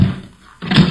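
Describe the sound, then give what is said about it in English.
A person stumbling while going up steps: a dull, heavy thud, a brief pause, then a second louder scuffing thump with a low, woody body. “Stumbled.”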